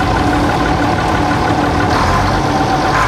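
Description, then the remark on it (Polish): A loud, steady Bizon combine harvester engine drones continuously, a dense low rumble with a broad mechanical hum and no voices over it, as the combine is driven in Poland, generally in third gear at 15 to 27 km/h. “Jeśli chodzi o Bizona, no to tutaj prędkościowo mamy 15 do 27 nawet na godzinę. Mamy 3 biegi, jedziemy generalnie na trzecim biegu cały czas.”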